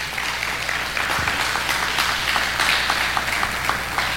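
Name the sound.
audience applauding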